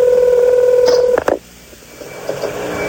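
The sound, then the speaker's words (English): A steady telephone dial tone cuts off into a quick burst of touch-tone dialing beeps as a 24-hour telephone entertainment line is dialed, then gives way to a quieter line hiss with faint tones. No one speaks. “You've dialed 24-hour telephone entertainment.”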